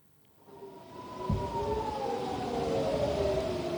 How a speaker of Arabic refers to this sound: وأفاد مراسل التلفزيون العربي بأن صفارات الإنذار دوت في بلدات عدة شمالية إسرائيل مع إطلاق الصواريخ من لبنان.